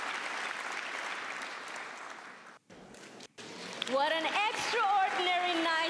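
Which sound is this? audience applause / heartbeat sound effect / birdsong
audience applause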